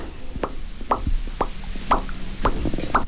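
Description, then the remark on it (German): A voice makes a series of short, hollow mouth pops, about eight of them in an uneven rhythm, each a quick resonant plop with some clicks between them and no speech. “Mit meiner Stimme kann ich ploppen.”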